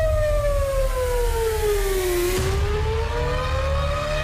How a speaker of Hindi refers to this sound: किले पर कब्जे के फौरन बाद इजराइल के एयर डिफेंस सिस्टम ने पूरी तरह मोर्चा संभाल लिया। आसमान में इंटरसेप्टर साफ दिखाई दे रहे थे और सायरन की आवाज काफी दूर से सुनी जा सकती थी।